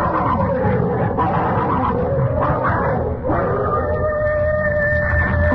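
Dogs fight loudly, a continuous tangle of deep snarls and rough growls that rise into harsher bursts, with no break in the noise throughout.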